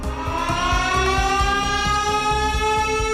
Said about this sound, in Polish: Dźwięk syren alarmowych słychać było w całej Warszawie i wielu innych miastach Polski. W hołdzie bohaterom zrywu z 1944 roku.